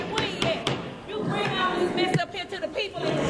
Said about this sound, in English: They put the meeting in recess because there was a disruptive crowd there.